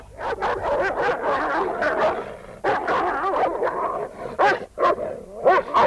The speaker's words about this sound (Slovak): Bojuje odvážne. Pozri, obidvoch našich psov zhodí.